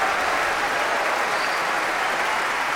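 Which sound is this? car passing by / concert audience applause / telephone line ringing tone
concert audience applause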